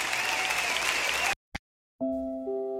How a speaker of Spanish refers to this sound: Aplauda fuertemente al rey. Celebramos tu nombre.